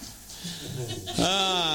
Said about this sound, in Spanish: ¡Vaca!